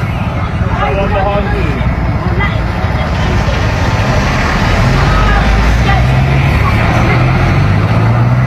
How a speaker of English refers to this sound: Also, police escort for four coaches, four kind of Greyhound buses of those migrants as well. The large buses, not just the Sprinter vans in the background.